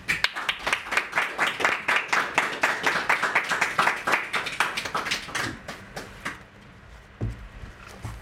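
An audience applauds for a singer with steady, dense clapping for about six seconds, then the applause thins out and fades, leaving a few scattered claps and quiet rustling.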